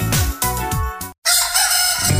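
A rooster gives a loud, strained cock-a-doodle-doo in several rising and falling bursts, in a radio advertisement for McGockel. It breaks off abruptly, and after a short silence a steady, noisy hiss takes over.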